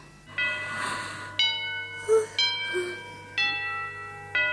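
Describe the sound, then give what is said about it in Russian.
A clock chimes the hour, five clear, ringing strikes about a second apart, each tone sustaining into the next over a low background hum, with a couple of soft knocks in between. “Часы бьют.”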